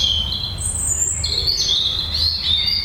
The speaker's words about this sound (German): Es ist schon ganz schön laut für einen Rotkehlchen. Ja, genau, Rotkehlchen.